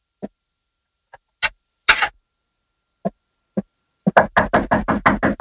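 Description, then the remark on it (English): Footsteps in a hallway, a few scattered thuds at first, then a quick, steady run of louder steps drawing closer, with no talking. “Boss, I hear footsteps. Right, out in the hall.”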